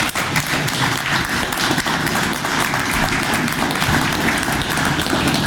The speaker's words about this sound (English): And all of you better clap.